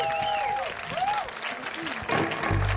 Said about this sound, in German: Ein Riesenapplaus. Ein riesengroßen Applaus einmal.